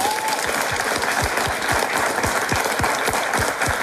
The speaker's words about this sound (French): Il est légendaire lui aussi, c'est le public de Bastogne venu ce matin pour nous soutenir. Merci d'être là les amis, vous pouvez encore vous applaudir.